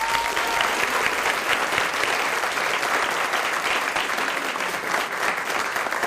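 An audience applauds steadily for about six seconds to welcome a guest, a Mexican scientist, a dense, even patter of many hands clapping at a constant loudness with no one speaking.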